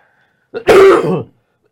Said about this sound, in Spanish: Y la tos no es por los 3 matrimonios.